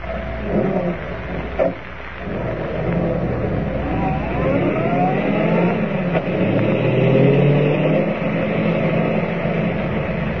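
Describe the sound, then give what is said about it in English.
A car engine drones steadily and revs up, its pitch climbing in a few smooth rising sweeps as the car pulls off, driving to an abandoned gold mine. Loud and continuous throughout, with no voices. “We're driving up to the old mine.”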